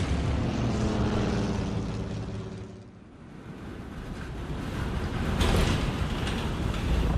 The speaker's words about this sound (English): Fifteen minutes later, as they flew over a snow-capped mountain pass, the aircraft ran into severe turbulence. We're in a nosedive! The plane's totally out of control!